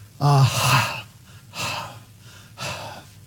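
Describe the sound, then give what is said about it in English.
A voice imitates panting while saying the Hebrew word ahav, meaning love, likened to a deer panting after water: three breathy huffs about a second apart, the first partly voiced before trailing into airy breath, the next two softer and purely breathy. “Try saying it as if you were panting, and you will see what they mean.”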